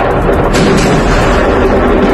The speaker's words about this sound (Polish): Do serii wybuchów doszło przed 7 rano czasu lokalnego w okolicach tłumnie odwiedzanej przez turystów zatoki Salina Bay. Świadkowie mówią o słupie dymu i ogromnym huku słyszanym niemal na całej wyspie. Wybuchy zarejestrowano także na nagraniach wideo.